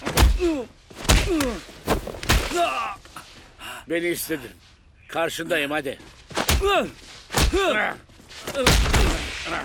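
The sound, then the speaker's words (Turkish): Heavy, sharp punches land in an uneven series of thuds, some in quick pairs, between a man's tense spoken words and strained breaths. “Sen buna yumruk mu diyorsun?”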